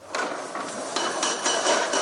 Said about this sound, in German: Noch hört man auf der Plaza de Cibeles Baulärm. Arbeiter legen auf den Gerüsttürmen für die große Sonntagsmesse letzte Hand an.